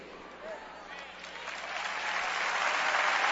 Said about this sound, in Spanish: Ahora, nota algo, te pedí que aplaudieras, ¿por qué aplaudiste? ¿Qué sentiste? ¿Qué empezaste a vivir?